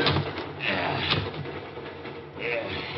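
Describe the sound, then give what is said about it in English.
A heavy railroad boxcar door is slid shut by a man riding inside the car, with a continuous grinding rumble and a couple of dull knocks along the way, loud, lasting about three seconds. “Move out of the way. I want to get the door closed.”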